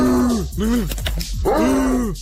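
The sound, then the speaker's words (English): A person imitates the howl of Lucius, a dog: a drawn-out, wavering vocal cry, then a short rising arc, a burst of rough, choppy sounds like a shake, and a second long howl. “So he does like a howl, then like a sort of shake, and another howl.”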